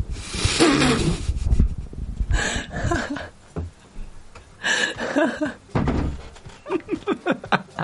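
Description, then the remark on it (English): Dull thuds at a door, a few scattered bumps followed by a quick run of knocks near the end, with voices and some rustling in between. “Hold on, someone's at the door.”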